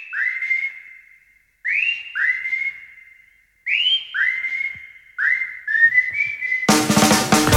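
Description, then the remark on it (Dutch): A person whistles a tune in clear, sliding notes, several short rising phrases separated by brief pauses, before loud music abruptly cuts in at the end. “Met welke song wil jij graag je ochtend fluitend inzetten?”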